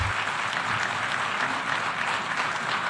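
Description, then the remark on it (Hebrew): Sustained applause from a large crowd in a parliamentary hall for the Prime Minister during his speech, a dense steady wash of many hands clapping at an even, fairly loud level throughout, with no voices standing out. “ראש הממשלה זוכה למחיאות כפיים באולם.”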